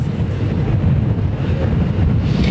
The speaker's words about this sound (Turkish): Şimdi Vedat, gerçekten inanılmaz rüzgar var. Ayakta durmakta zorlanıyoruz gibi hissediyoruz biz de.